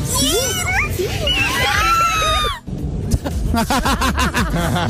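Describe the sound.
A man lets out a loud, high-pitched, wavering scream for a couple of seconds before breaking off abruptly, followed by people talking.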